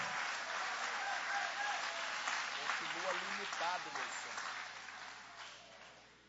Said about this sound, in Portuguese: Pode aplaudir, pode louvar. Aleluia.